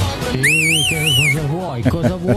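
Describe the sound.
A person whistles a loud, warbling call lasting about a second to summon someone, the pitch rising and falling in waves while voices talk underneath and continue afterward.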